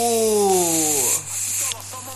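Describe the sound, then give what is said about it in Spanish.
A spray bottle hisses in three quick back-to-back bursts, the first one longest, with a faint falling tonal whine beneath the opening spray. “Nos vamos a ir tomando un spray, ¿te parece? Escucha.”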